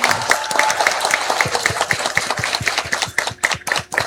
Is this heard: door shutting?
no